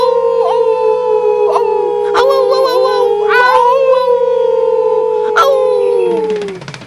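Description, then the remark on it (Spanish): A person imitates a wolf howl in one long, loud howl that holds a steady pitch for several seconds, with a few brief clicks, before sliding downward and fading at the end. “Me encantan los lobos, pero soy un lemur. No, un lobo. Aunque me gusta aullar.”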